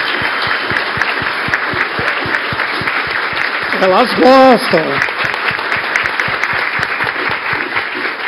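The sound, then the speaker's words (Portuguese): Steady, dense audience applause with many rapid claps that keeps an even loudness for the whole stretch, while a voice briefly speaks over it partway through. “Elas estão lá, então elas merecem uma salva de palmas, porque são sobre elas.”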